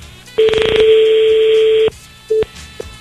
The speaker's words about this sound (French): C'est moche, hein? Ça sonne bizarre, hein? Bon, elle a encore une sonnerie.